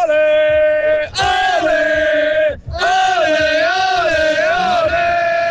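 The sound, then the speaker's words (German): A loud, sustained cheering shout of celebration, a single Swiss fan bellowing in three long strained bursts with brief breaks between, over a rumbling crowd roar. “Wir hören da auch ein bisschen rein, wenn es tönt, wenn du jubelst.”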